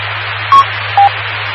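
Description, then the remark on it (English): A radio transmitter keys up on a repeater: steady hiss with a low hum underneath, broken by two short, clear electronic beeps about half a second apart. No one speaks. “Rosie keyed up.”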